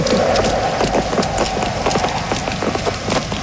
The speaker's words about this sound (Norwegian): Det var mye klikking og klakking på gatene I gamle dager. Folk gikk rundt med klikk-klakk-skoene sine.